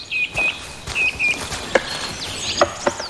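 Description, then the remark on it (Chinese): In a forest, a great spotted woodpecker taps a nut with a handful of sharp, irregular knocks, using a tree fork as an anvil to crack it open, while thin high bird chirps and trills carry on in the background. “听见哒哒的敲击声，我才发现大斑啄木鸟就在附近。它想把一处树杈当作砧板敲开坚果。”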